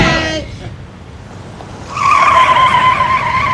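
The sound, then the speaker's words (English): A brief voice at the start, then a quiet pause before car tires break into a loud, sustained screech that holds steady to the end, as a car turns around by a restaurant. “I'm gonna turn around by that restaurant.”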